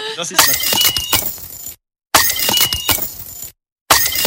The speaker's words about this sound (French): Ouais, c'est un verre cassé. Voilà, j'ai mis une coupe de champagne cassée, mais enfin, c'est ce qu'il a fait.